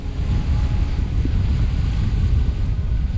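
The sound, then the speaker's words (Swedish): Icy wind roars steadily across a hilltop by a lighthouse on the island of Fjuk, a loud, continuous low rumble buffeting the microphone with no voices or other sounds breaking through. “Vinden uppe på höjden blåser fullkomligt iskall.”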